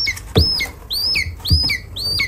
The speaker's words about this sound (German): Ja, so klingt ein Schreiadlerküken.